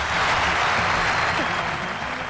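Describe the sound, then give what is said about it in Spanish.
Loud, sustained applause from a crowd welcoming two guests, elected delegates of the Carnaval Porteño: a dense wash of clapping that fills the whole clip at steady volume, with faint voices mixed underneath. “Me mató el... el aplauso.”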